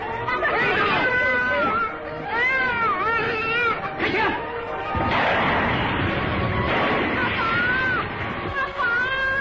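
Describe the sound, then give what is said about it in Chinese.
A panicked crowd shouts and screams in a loud, continuous uproar, broken midway by a couple of sharp, gunshot-like bangs that cut through the clamor. “听到枪声，拥挤的人群更是乱作一团”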